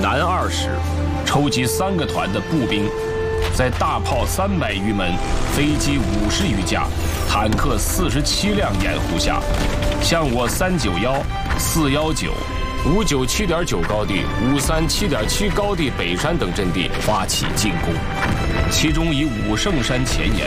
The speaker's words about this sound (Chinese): 敌人终于是忍不住了。这炮声是从哪个方向来的？